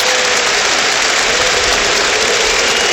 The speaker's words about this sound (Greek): Χειροκρότημα από τον κόσμο εδώ.